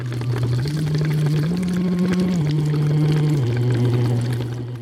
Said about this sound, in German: singt blubbernd durch einen Plastikschlauch in eine mit Wasser gefüllte Flasche. Knapp eine Stunde vor seinem Auftritt bei Jugend musiziert in Regensburg.